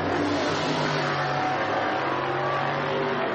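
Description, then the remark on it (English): A steady, loud roar of racing car engines, with droning tones shifting slightly as the cars, including the car in 17th position, go by underneath. No one speaks. “Is the 17th position car, yes it is, as they go down underneath me.”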